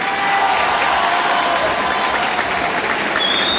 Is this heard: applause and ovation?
yes